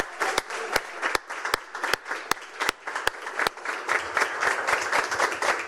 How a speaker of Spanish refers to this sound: Buen viaje, Guaranizat 2. Los sueños y esperanzas de todo un país van contigo. Esto merece un aplauso una vez más, por favor.